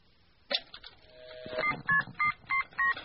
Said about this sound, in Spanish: ¿A quién le llamamos? Albert Einstein. Ese está bueno. A ver. Marquémosle.